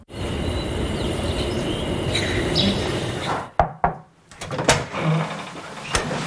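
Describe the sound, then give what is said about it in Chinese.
An uninvited visitor opens a door and lets themselves in: a steady background hum gives way to a few sharp clicks and thuds of the latch and handle, then a quieter rustle. No one speaks. “不请自来，直接开门了。”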